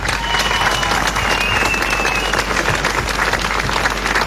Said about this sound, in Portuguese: Festival de Jazz Lalé, para quem eu peço uma grande, grande salva de palmas.